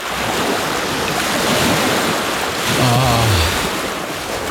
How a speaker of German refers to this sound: Ah, ja, das Meer.